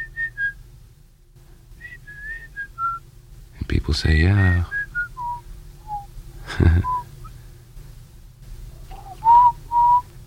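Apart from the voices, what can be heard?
person whistling a tune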